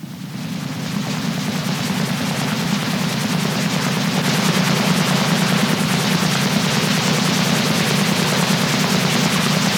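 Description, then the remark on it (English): A military helicopter hovers overhead, its rotor thudding in a fast, steady chop over a loud, dense roar that holds constant for the whole stretch, with no voices. “I don't think it's a drone. I think it's a military helicopter.”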